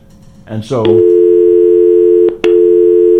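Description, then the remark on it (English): A brief burst of voice gives way to a loud, steady telephone busy tone on a call-in line, droning on and cut once by a click and short gap before resuming; callers' calls are not getting through. “Thank you very much for trying to call. People are trying to call. The line's not coming through.”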